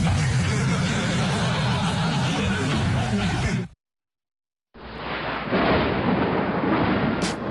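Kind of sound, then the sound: nature, thunder rumbling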